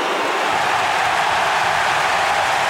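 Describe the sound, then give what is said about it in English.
A football stadium crowd roars as Lockie Neal lines up for goal to put Brisbane in front, in a dense, steady wash of cheering that holds at an even, loud level for about three seconds, with no distinct voices or pauses. “Listen to the crowd with Lockie Neal lining up for goal.”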